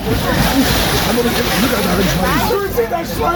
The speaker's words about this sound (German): Sehr schön, die machen sich gegenseitig nass. Springen ins Wasser, machen sich nass, haben jede Menge Spaß dabei.